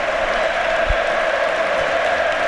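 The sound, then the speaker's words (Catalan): A large stadium crowd at Camp Nou applauds steadily as player Pedro Rodríguez comes on, with even the Getafe players applauding, a dense, continuous wash of clapping and crowd noise that fills the space without letting up, with no voices standing out. “És que aplaudeixen fins i tot els jugadors del Getafe.”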